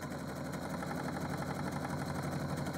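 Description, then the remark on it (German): A sewing machine, used for drawing and painting with stitched lines, runs steadily, its motor humming under a fast, even mechanical clatter of stitching that continues without pause. No one speaks. “Mittlerweile bin ich eher beim Malen mit der Nähmaschine.”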